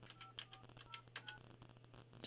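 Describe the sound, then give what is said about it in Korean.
During a live nationwide broadcast, a phone number is dialed: several short, steady two-pitch keypad beeps in an uneven sequence, mixed with sharp button clicks over a low, constant hum. No one speaks. “지금 거신 번호는 없는 번호라고 하는데 제가 잘못 눌렀나?”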